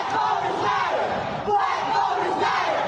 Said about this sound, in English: Protesters gathering under the Gold Dome this summer against the redrawing of congressional maps.